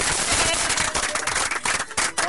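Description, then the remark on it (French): Dense, steady applause from an audience at the final of the Duel Intellectuel quiz show on radio Maïndéléo, a continuous wash of many hands clapping with crisp sharp edges, fairly loud and sustained throughout, with no clear speech over it. “Voilà, on peut applaudir.”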